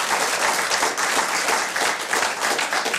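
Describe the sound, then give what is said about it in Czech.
An audience applauds steadily, a dense wash of many hands clapping at once, fairly loud, continuing without pause for the whole stretch. “Zatleskáme mu.”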